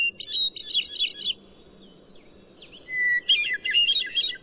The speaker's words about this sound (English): Another mile along, and among silvery green fir trees, the crystalline phrases of a hermit thrush carry through the forest.